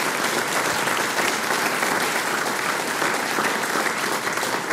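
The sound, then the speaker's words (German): Steady, dense applause from an audience at an event in the Murtal, a continuous bright wash of many hands clapping at an even loudness throughout, with no voices standing out. “Ja, ein Applaus.”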